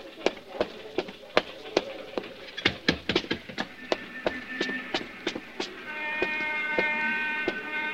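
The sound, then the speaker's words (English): A run of sharp, irregular clacks and thumps gives way to a steady, sustained horn honk with a bright, buzzy tone that holds through the last couple of seconds. “But someone honked the horn.”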